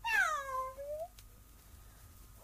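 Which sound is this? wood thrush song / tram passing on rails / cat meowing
cat meowing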